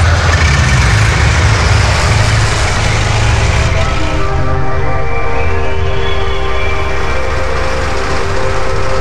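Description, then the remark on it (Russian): A heavy truck engine roars, straining and revving hard, its whining pitch climbing midway as the wheels spin and churn on a road turned to mud after rain, without letting up. No one speaks. “Дороги раскисли после дождя, колеса то и дело буксовали.”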